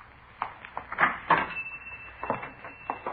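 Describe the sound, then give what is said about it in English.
A shop door being unlocked and opened by a man entering the shop at 4:43 p.m.: a quiet run of clicks, rattles and clunks from the key and latch, spread irregularly over a few seconds, with no voices. “At 4:43 p.m., a man answering the description we'd been given unlocked the door and entered the shop.”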